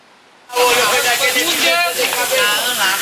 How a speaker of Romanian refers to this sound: S-a făcut fum și au sfârâit micii, cărnații și ceafa de porc.